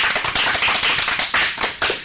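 Loud applause from a group, a dense, steady patter of many hands clapping together with a few stronger surges, no voices over it.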